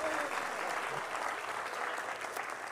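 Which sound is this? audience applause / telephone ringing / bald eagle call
audience applause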